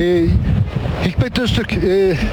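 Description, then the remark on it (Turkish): Heavy wind blowing at 90-100 km per hour at a wildfire buffets the microphone in a constant low rumble, with a voice speaking through the roar. “bu yangın aslında 2 saat önce başladı, belki de 2-2,5 saat önce başladı ama rüzgar öyle bir esiyor ki 90-100 km süratle, görüyorsunuz havadaki dumanı, göz gözü görmüyor.”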